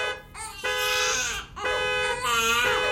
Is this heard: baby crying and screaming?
yes